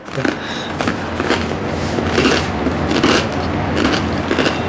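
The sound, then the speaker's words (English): Loud crunching as someone bites into and chews crusty bread, a steady series of crackly, brittle crunches over several seconds with no talking. “Oh, wow, the bread is crunchy.”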